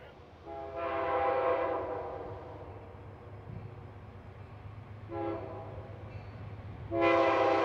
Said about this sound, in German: Immer weiter fährt unser Zug nach Norden. Manchmal hat er an dieser Stelle schon viel Verspätung, weil Güterzüge meistens Vorfahrt haben.